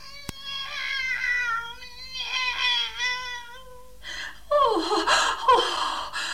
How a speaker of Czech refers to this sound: Kocour je živ a zdrav! Poslechněte si jeho hlas!